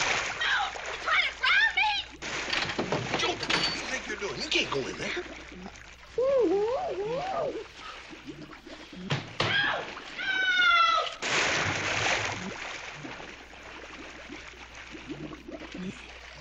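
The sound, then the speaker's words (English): Loud, messy splashing in the water of a cheap dip that critters are run through, with repeated churning bursts over several seconds, mixed with high wailing cries and voices. “You can't make me get in that water.”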